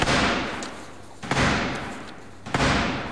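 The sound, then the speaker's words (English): Three heavy, booming knocks on the large wooden door of the House of Commons, spaced evenly about a second apart, each ringing out with a long echo, as Black Rod knocks to get in during the State Opening of Parliament. “Blackrod had the door to the House of Commons slammed in his face as part of the state opening of Parliament before he had to knock to get in and call MPs to hear the King's speech.”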